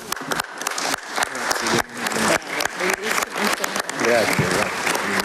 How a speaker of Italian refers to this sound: Grazie generale, l'applauso è per lei, per il suo intervento e per tutte le vittime delle mafie, della criminalità organizzata, che ricordiamo con profonda gratitudine, con affetto